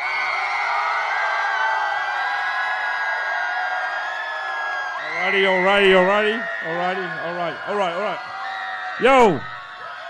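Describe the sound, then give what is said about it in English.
A crowd roars with sustained cheering during a clap-meter vote in a battle, and loud whoops and shouted voices rise over the din toward the end. A single voice briefly speaks during the noise. “I need an on-off switch for the crowd, right?”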